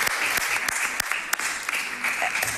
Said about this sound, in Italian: Bene, grazie, un applauso ancora